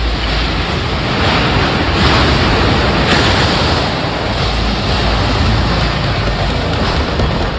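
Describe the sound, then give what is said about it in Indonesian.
A powerful whirlwind roars continuously and loudly over an industrial area in Batu Ampar, Batam, Riau Islands, Indonesia, battering the microphone with a dense, rushing hiss that swells slightly in gusts. No voices can be heard over it. “Kamera warga merekam detik-detik angin kencang menerjang kawasan industri PT VME Proses”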